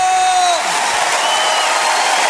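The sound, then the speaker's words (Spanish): A standing church audience claps and cheers for Christ loudly and steadily, a dense wash of applause that fills the whole moment, with a voice calling out briefly above it at the start. “Aplauda a Cristo.”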